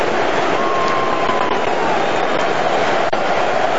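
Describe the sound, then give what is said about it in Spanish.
A stadium crowd in Miami gives a loud, sustained ovation to England player Jude Bellingham as he is substituted off: a dense, steady roar of cheering and applause that holds at full strength from start to finish, with no voices standing out. “Así despide Miami a Jude Bellingham. Con esta ovación.”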